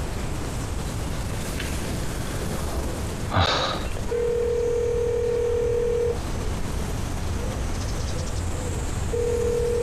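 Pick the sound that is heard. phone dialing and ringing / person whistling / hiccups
phone dialing and ringing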